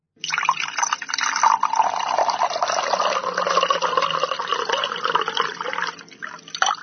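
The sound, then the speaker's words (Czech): Water pours steadily into a glass for several seconds, a continuous bright splashing trickle that shifts slightly in tone as the vessel fills, clear with no voices. “To bych tipla na nalévání vody do skleničky.”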